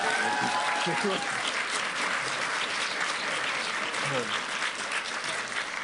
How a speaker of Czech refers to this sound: Prosím tě, No to chtěl potlesk, ty jsi to tak málo uved, ty vole.